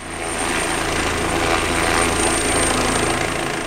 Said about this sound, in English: Smoke blankets the sky, and it's impossible to escape the noise of helicopters scooping up water from a nearby pond.